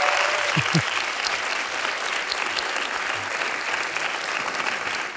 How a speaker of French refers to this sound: Merci France Inter. On les applaudit très fort.